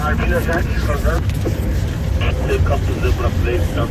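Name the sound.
safari car engine noise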